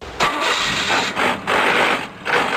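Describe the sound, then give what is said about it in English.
A car engine with a bad transmission grinds and strains in loud surges, about four harsh bursts separated by brief dips, with no voices. “Dude, get your shift together. That sounds horrible.”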